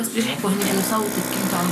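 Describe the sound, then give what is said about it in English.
A vacuum wound dressing machine, used in treating a girl's airstrike injuries, runs with a steady, continuous mechanical whir, holding an even level throughout while a voice talks over it. “Amid the sound of a vacuum dressing machine, her mother, a school teacher, encourages the girl to tell us what happened.”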